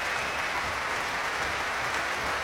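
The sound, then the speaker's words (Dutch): Dense, steady applause from the Netherlands Philharmonic Orchestra as Patricia Kopatchinskaja comes back onto the stage at Tivoli-Vredenburg, filling the whole stretch at an even loudness, with a low, uneven rumble of stamping feet beneath the clapping and no voices. “Krijgt luid applaus van het orkest. Door gestam met de voeten.”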